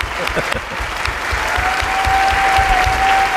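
Steady applause from an audience on the radio program Radioficción, a dense crackle of many hands clapping at once, loud and sustained, with a faint held tone running underneath in the second half.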